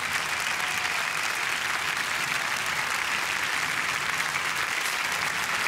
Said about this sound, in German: Jetzt kommen wir zu einer Überraschung und ich liebe Überraschungen und verantwortlich dafür sind diese Damen und Herren. Das ist die Jury, die jedes Jahr einen Knallerjob macht. Das ist euer Applaus!